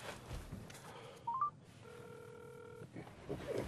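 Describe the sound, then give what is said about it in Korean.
A few quick, rising electronic beeps from a mobile phone keypad as a call is dialed on a borrowed phone, followed by one longer steady dual-pitched tone, all set against a low, muffled background rumble. “저 핸드폰 한 번만 빌릴 수 있을까요? 전화 한 통화만 할게요.”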